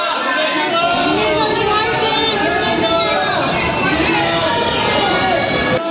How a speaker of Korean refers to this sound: 새벽 시간에도 인천공항 입국장에는 손흥민을 기다리는 축구팬들이 많았습니다. 마침내 손흥민이 입국장에 모습을 드러내자 환호와 격려가 쏟아졌습니다.